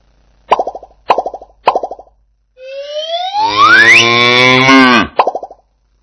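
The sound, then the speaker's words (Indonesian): A cow lets out one long, loud moo that rises and strains before cutting off. Three short hollow plopping knocks come before it and one more follows, with no talking. “Sapi merupakan salah satu hewan yang susunya bisa kita minum.”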